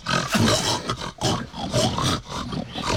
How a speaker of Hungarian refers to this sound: A társak az olban keservesen röfögnek.